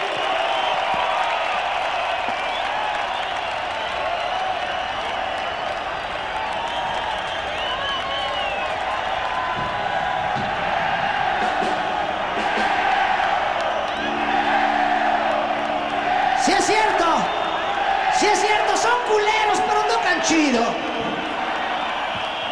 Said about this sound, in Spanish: Que se oiga ese aplauso para estos maestros. Chido por ellos.